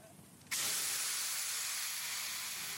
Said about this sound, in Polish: Syk jest gwałtowny. Para uderza w twarz. Żelazo twardnieje.